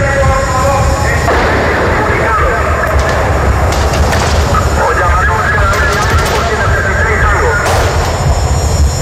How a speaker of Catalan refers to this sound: La lectura acaba de manera sobtada perquè, ja ho heu sentit, se senten trets.